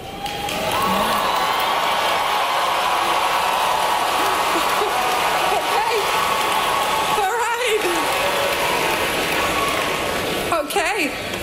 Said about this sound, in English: … getting booed and cheered, ironically, by the 2026 graduating class of the University of Central Florida after describing artificial intelligence as the next